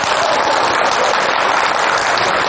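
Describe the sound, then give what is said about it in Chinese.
An audience claps after a performer calls on everyone to applaud: steady, dense applause filling the whole stretch, loud and even, a rapid crackle of many hands clapping at once with no voices rising above it. “你看多听，我说大伙鼓掌都鼓掌。”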